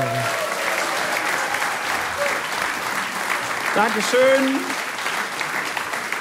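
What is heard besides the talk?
audience applause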